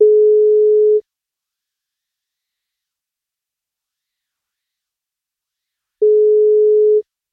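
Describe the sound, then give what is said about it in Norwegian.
A telephone ringback tone sounds while a call is placed: two steady one-second beeps separated by several seconds of silence, clear and fairly loud, with no voices. “Vi plukker opp telefonen og ser om vi får tak I”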